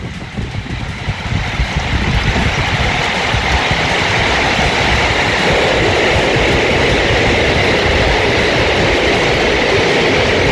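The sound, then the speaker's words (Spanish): Intense hail pounds down in a loud, continuous roar, thick with countless rapid impacts that build within the first two seconds and then hold steady, recorded from a home in Los Dominicos, two blocks below the Los Dominicos metro station, in the Metropolitan Region as a frontal system arrives. No voices are heard. “Lo que cae ahora es granizo.”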